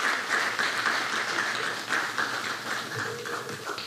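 A crowd at a summit in Haiti applauds steadily for about four seconds for a woman who works with the Fondation Fontaine in Cité Soleil, a dense, even wash of many hands clapping that holds its level and tapers slightly toward the end, with no one speaking.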